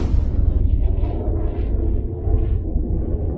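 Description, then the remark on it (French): A sonic boom from an Israeli military jet breaking the sound barrier over Lebanon, heard as a loud, deep rumble that rolls on steadily for several seconds without a break, heavy in the low end, with no voices. “Ces bruits sont provoqués par des avions israéliens qui dépassent le mur du son.”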